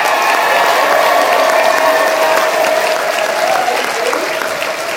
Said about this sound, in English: Let's have a round of applause for all of our panelists.